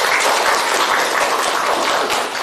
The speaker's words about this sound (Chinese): 那现在呢，老师呢随机抽一组的同学，让我们掌声欢迎梦想组来进行展示。大家掌声欢迎。